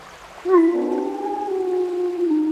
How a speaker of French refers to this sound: Tu as entendu? Une meute de loups approche.